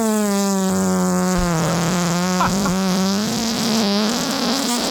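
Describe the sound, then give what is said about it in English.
A long, drawn-out buzzy fart, a recording from March 2021 called a sea bass fart, plays alone, loud, holding a steady reedy tone with slight wobbles in pitch for several seconds without letting up. “Yeah, because we also have a sea bass fart in the Lloyd's.”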